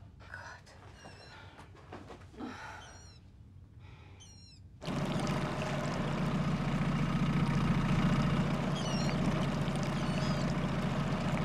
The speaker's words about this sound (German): Hören Sie das? Das ist der Erregungsruf der Wasserralle.